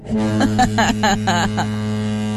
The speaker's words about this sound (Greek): Λοιπόν, μόλις ακούς λοιπόν το χαρακτηριστικό ήχο της κόρνας του παγωτατζή.